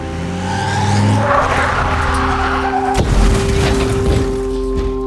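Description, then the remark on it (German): An SUV's tires squeal in a long, strained whine over a roaring engine, then a sudden loud bang as a tire, hit by a pistol shot, bursts, followed by continued rough skidding and rumbling as the SUV crashes into a restaurant wall. “Der Knall des Reifens übertönte den Schuss meiner Pistole.”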